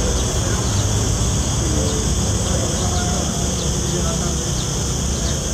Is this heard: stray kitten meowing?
no